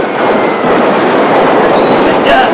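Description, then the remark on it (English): An abandoned box of fireworks exploding in golden sprays in a dense, continuous barrage, loud, with crackling bursts blending into one roaring wall of noise and a faint whistling streak near the end. “As the abandoned box of fireworks continues to blast in golden sprays of explosions,”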